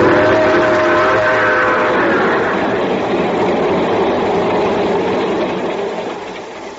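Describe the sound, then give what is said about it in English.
A train bound for Palo Alto, California, heard from its observation car, rumbles steadily as it pulls away, a faint tonal whine riding over the noise at first, before the loud mechanical roar begins to fade near the end. No one speaks. “So I'm here, sitting in the observation car of the train just pulling out for Palo Alto, California.”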